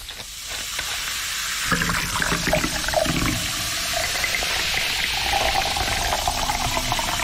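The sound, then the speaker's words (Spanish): Colombiana soda pours steadily into a glass with a bright, continuous fizzing hiss and gurgle, fairly loud, the sparkling crackle of bubbles rising throughout, with no voices. “Así suena colombiana.”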